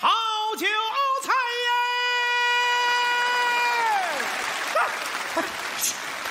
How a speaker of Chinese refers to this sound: 鼓什么掌？鼓什么掌？ 唱多好， 还挺捧啊！啊，这么多人鼓掌。 是啊， 哪位鼓掌的见过这么卖菜的呀？